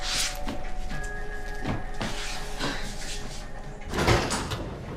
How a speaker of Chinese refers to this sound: 哎，开门去，开门去。